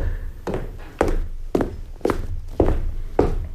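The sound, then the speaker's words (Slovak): Footsteps climb a staircase of twelve steps up to a small landing in a building, in a steady, unhurried rhythm, six firm treads about half a second apart, each a dull thump with a little scuff, and no voices. “Potom stúpam po schodoch až po malú plošinu.”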